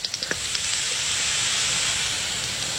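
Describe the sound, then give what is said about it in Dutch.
Calls of a foraging common pipistrelle bat, picked up at 50 hertz through a bat detector: a short burst of quick, wet plopping clicks at the start over a steady, loud hiss, which then carries on alone. “Je hoort van die kleine natte plopjes. En dat is dan de dwergvleermuis.”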